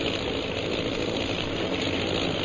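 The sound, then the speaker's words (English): A steady, continuous drone of bomber plane engines passing overhead without pause fills the air: a dense low rumble with a constant hum on top. “Oh, those sure are some planes. They must be bombers.”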